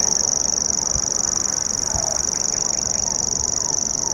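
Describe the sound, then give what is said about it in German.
A grasshopper warbler reels nonstop, a high, dry, insect-like trill running evenly through the whole stretch, loud, with faint low background noise beneath. “Dieses Geräusch hier prägte die ersten Stunden unserer Wanderschaft, denn der Feldschwirr, Schwirr, ne, Nomen est Omen, das schwirrt wirklich so vor sich hin, gehört zu einer kleinen Familie äußerlich recht unscheinbarer Vögel”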